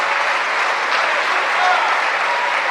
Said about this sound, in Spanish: ¿Cuánto le dan gloria al nombre de Cristo? ¿Cuánto le dan un aplauso a ese amor y a esa misericordia?